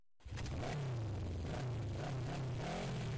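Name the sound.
motorcycle engine revving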